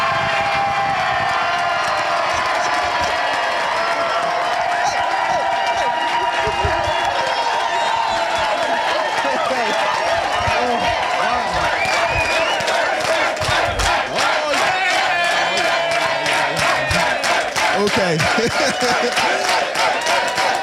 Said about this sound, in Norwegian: Ja, her jubles det hele tiden, selvfølgelig.